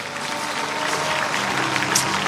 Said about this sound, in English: Can we clap for God for the testimonies?